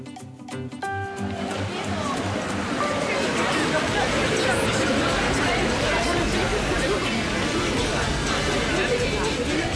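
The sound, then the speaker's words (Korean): A loud, dense crowd hubbub of many overlapping voices, shouts and chatter blending into a steady roar, with splashing mixed in throughout, at a mud festival where people play a tail-catching game in a large ankle-deep mud pool. “와, 여러분, 이 시끌벅적한 소리 들리세요?”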